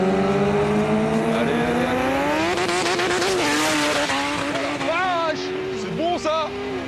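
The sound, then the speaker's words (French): A 1000-horsepower Honda Civic race car accelerates hard from a rolling start in a race, its loud engine whine climbing steadily in pitch, then dipping and rising again through quick gear shifts, with a harsh, screeching edge over the roar. “Steve avec sa Honda Civic de 1000 chevaux qui m'a explosé tout à l'heure littéralement.”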